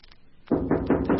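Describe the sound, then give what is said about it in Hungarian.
After a brief quiet moment, someone knocks on a door four times in a quick, steady rhythm. The knocks are loud and resonant, and nobody speaks. “Végezetül pedig kopogtassunk.”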